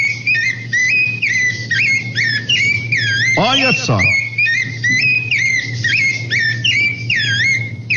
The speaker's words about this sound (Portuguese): E eu quero saber, ó, que passarinho é esse que tá cantando aqui na fazenda, ó. Escuta, escuta, olha que coisa mais bonita, ó. Quem é o cantor? Olha que belezinha, ó. Olha só. Olha, olha. Que passarinho que é esse, ó.